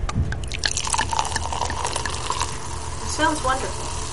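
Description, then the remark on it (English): André Brut sparkling wine, carbonated before bottling, fizzes steadily after its plastic cork is twisted off: a dense crackle of tiny pops and drips with brief bright bursts of bubbling as large bubbles rise to the top, moderately loud and continuous for several seconds. “And it came right out, and large bubbles are rising to the top.”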